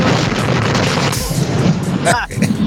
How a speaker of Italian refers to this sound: È esploso? Gli è esploso il camion?